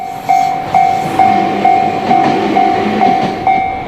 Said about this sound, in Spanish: Al salir del centro de Kanazawa y al dirigirse hacia las afueras, se puede observar un tráfico ferroviario casi acogedor. Los trenes circulan entre huertos, arrozales y casas unifamiliares.